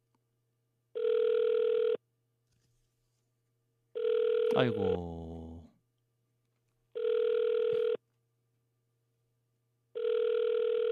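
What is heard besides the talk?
phone call ringing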